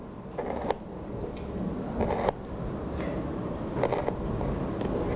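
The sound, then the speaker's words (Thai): A knife dices onion into small cubes on a cutting board in a few separate, unhurried strokes, each a brief scraping chop, with a steady low hum of background noise throughout. “หลังจากนั้นนะครับหั่นซ้ำอีกทีหนึ่งนะครับเรียบร้อยแล้วนะครับ”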